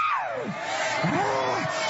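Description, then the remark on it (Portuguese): A crowd of people screaming and yelling together, shouting to Jesus to burn a man. The voices are loud and overlapping, sliding sharply down in pitch and then swooping back up over a constant roar of noise. “Vai gritando pra Jesus queimar ele.”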